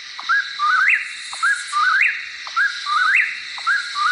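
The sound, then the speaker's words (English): A bird sings a clear, rising whistled phrase again and again, about once a second, loud, over a steady high hiss of background noise. “As I remember my cousin, I hold tightly to this message from the birds I saw.”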